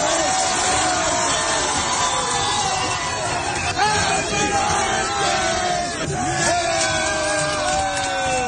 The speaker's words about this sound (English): Then they all start chanting happy birthday.